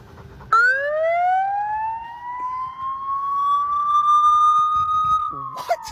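A loud electronic siren from fire-themed equipment in a children's park wails once, sweeping upward and then holding a steady high tone for about five seconds before cutting off abruptly, with faint background noise and a brief sound at the end.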